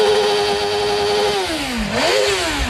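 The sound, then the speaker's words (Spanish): A loud motorcycle engine holds a steady high whine, then dips and rises sharply as the throttle is blipped, with no voices over it, in Alcañiz, Aragón, Spain, during the MotoGP Gran Premio Michelin de Aragón. “Vamos a portarnos bien, no quemamos rueda.”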